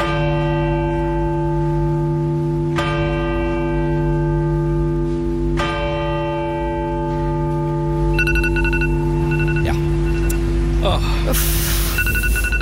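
A church bell strikes three times at a slow, even pace at one o'clock during King Harald's funeral, before a minute of silence. Each toll rings out and overlaps the next, before a thin electronic beeping and a rush of noise creep in.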